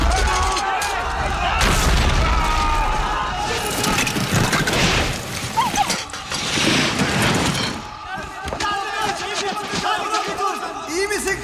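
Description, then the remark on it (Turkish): Ice cracking and breaking apart in a loud, sustained rush of sharp snaps, deep booms and crashing splinters, rolling on for several seconds with barely a pause. “Ses ne? Buz kırılıyor!”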